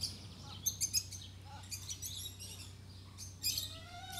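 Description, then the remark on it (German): Chicks peep in short bursts of thin, high-pitched chirps, with a hen's calls mixed in, repeating irregularly over a low, steady background hum. No one speaks. “Aber die Henne lässt ihn nicht.”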